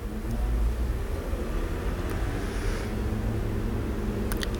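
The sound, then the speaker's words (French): Steady low rumble of city traffic on Boulevard Saint-Germain, engines droning as cars, vans, motorbikes, taxis and a number 87 bus roll past at moderate volume, with a few faint clicks and a brief higher hiss over the continuous street noise. “Des voitures, camionnettes, motos.”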